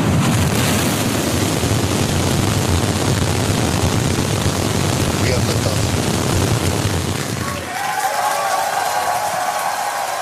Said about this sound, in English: Starship, the largest and most powerful rocket in history, launched from Texas. SpaceX employees cheered as the rocket blasted off from its new launch pad in Texas last night. 5, 4, 3, ignition.